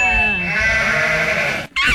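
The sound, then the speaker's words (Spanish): A goat bleats loudly in one long, wavering cry, followed by a brief pause and the start of another bleat. “Es el único operador que tiene el sonido de... ¡Una cabra!”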